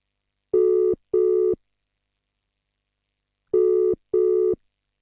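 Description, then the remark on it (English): As an outgoing call is placed to a person who sent a message, a phone ringback tone purrs twice, pauses, then purrs twice again: two short double rings of a steady, buzzy tone, clear and alone with no voices. “Let's give them a chance. It's ringing.”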